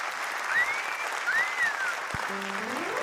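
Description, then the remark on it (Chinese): An audience applauds at the opening of the show 咱的台湾 (Our Taiwan). It claps steadily for about three seconds, a dense wash of clapping at an even, fairly loud level, with a couple of faint sliding whistle-like tones and a low tone near the end. “谢谢，感谢大家的热情掌声，欢迎收看《咱的台湾》。”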